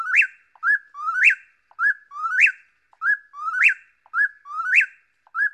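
A chuck-will's-widow calls over and over, a brisk whistled phrase rising to a sharp peak and sliding down, repeated about five times in a steady rhythm with no other sounds.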